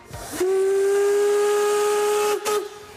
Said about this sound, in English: The historic steam locomotives are a tourist attraction in the Harz Mountains. You shouldn't miss them. This is the narrow gauge railway. It goes up to the highest peak here in the Harz, the Brocken, right in the national park.